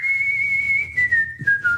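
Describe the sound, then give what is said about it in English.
A failing laptop's fan straining loudly, giving a steady high-pitched whine that slowly sinks in pitch over a low rumble, with a few brief surges toward the end and no voices. “Ugh, this laptop's on its last legs. Sounds like it's about to take off.”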